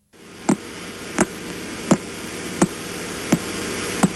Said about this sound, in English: Any guesses? Well, that is the metronome-like ticking of a pulsar. Though, of course, many pulsars tick much, much, much faster.